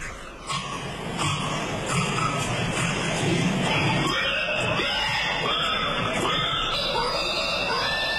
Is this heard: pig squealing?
yes